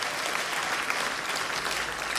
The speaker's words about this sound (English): Clap your hands if you've heard the album already